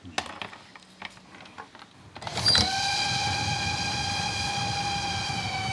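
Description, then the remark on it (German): A train rattles and clicks along at Heiligendamm, on the line between Kühlungsborn and Bad Doberan, then a loud, steady train horn starts up and holds one sustained blast for over three seconds until the end. “Ein Zug kommt aus Kühlungsborn, der andere aus Bad Doberan.”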